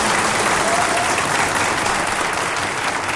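Steady, loud audience applause fills the whole stretch, a dense wash of many hands clapping at once with no pauses and no voices standing out.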